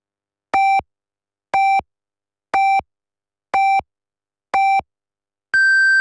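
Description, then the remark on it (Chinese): A radio time signal: five short, evenly spaced electronic beeps one second apart, followed by a longer, higher-pitched final tone marking 18:00 Beijing time, clear and alone with no voices. “北京时间18:00， 正点报时，由益友国际汽配用品展贸中心及益友广元东汽配城特约播出。”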